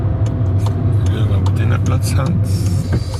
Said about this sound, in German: Wir kommen auf der Baustelle an. Parkieren auf einer grossen Brache neben den Autos der Handwerker.